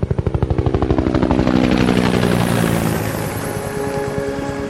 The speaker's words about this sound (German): Der Hubschrauber ließ die Küste hinter sich und flog über den Atlantik weiter.